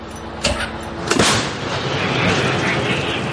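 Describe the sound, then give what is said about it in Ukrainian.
A Ukrainian Bohdana 155 mm self-propelled howitzer fires a shell at occupying forces near Chasiv Yar: a sharp, heavy blast and a second booming report soon after, followed by a long rumbling roar that fades slowly outdoors. “І королівські гармаші готові насипати по окупантах. Постріл!”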